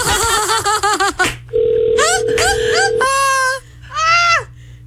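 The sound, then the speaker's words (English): A steady electronic phone tone hums for a couple of seconds as someone calls a woman back on the phone, overlapped by high, wavering vocal sounds before and after it, like someone calling out or laughing. “I should call her one more time.”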